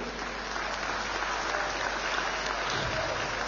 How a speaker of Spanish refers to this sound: Trópico de Cochabamba, ejemplo en las elecciones, y hermano Leonardo Loza, eres el mejor gobernador posesionado en el departamento, y por eso te doy un fuerte aplauso para el hermano Leonardo.